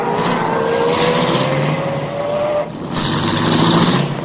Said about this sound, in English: I started the car, and the moment I pulled away from the curb, I had company again.